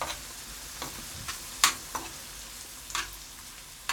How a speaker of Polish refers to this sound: Trzeba dobrze zmieszać cebulę, żeby trochę dobrze nam się usmażyło. Ale żeby nie przesadzić, to możemy też trochę zmniejszyć ogień.